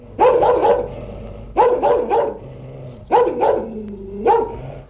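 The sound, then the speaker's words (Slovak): A human voice imitating a dog to show how to bark properly, letting out rapid bursts of loud barks in four clusters of two or three yaps each, with brief pauses between them. “Iba som vám chcel ukázať, ako sa má správne brechať.”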